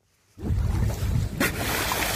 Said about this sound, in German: Aufnahmen von einem Segelboot vor der dänischen Küste. Was hier zu hören ist, sind Schweinswale. Sie springen aus dem Wasser, erinnern an Delfine Und genau wie Delfine gehören sie zu den Zahnwalen.